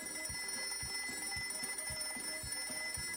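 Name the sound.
alarm clock ringing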